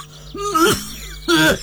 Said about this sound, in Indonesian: Aduh Pak, sudah 2 minggu lebih batuknya kok tidak sembuh-sembuh toh Pak. Takutnya menular ke anak-anak kita Pak.